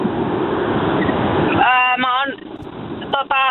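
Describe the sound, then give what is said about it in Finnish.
Steady roaring road noise from a car driving in traffic on a motorway fills the first half, then a caller starts talking over the continuing rumble, as if heard through a phone line. “Pistäpä formula-autos vähän hiljemmalle, niin ei kohise niin paljon.”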